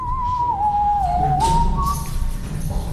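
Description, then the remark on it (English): A person whistles a sustained, steady note that dips slightly in pitch and then rises again, clear, in the stairwell of a hotel in downtown Tokyo, Japan, over a low background rumble with no talking. “In fact, on his 3rd day in the country, he almost got kicked out of his hotel for whistling in the stairwell.”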